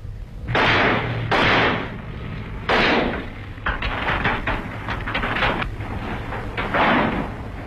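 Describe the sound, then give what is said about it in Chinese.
Heavy blows hammer at the lock of a locked storehouse door: a few loud, spaced strikes, then a rapid flurry of banging and rattling, with one last hard hit at the end. “门关上了，上了锁了， 把这锁砸了， 靠后点。”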